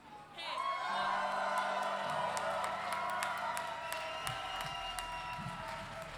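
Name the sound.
audience shouting and cheering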